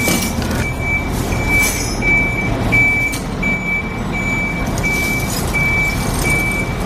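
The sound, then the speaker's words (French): A truck is being positioned to lay a boat on its side for caulking; its engine rumbles steadily while its reversing alarm beeps in a regular, evenly spaced rhythm, with occasional hisses of air brakes; no one speaks. “Donc là, ils sont en train de mettre en place le camion pour la mettre sur le flanc pour faire donc le calfatage.”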